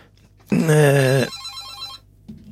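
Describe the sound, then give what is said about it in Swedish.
A single loud telephone ring sounds for under a second, a bright warbling bell tone that cuts off and leaves a fading electronic hiss and faint line noise behind it. “Ja, då tackar vi för intresset här, att telefonlinjen fungerar,”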